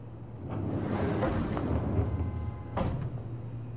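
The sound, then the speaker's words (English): A door swings shut with a muffled thud near the end, preceded by a couple of softer knocks, all over a steady low rumbling room hum with no one talking. “Please shut the door.”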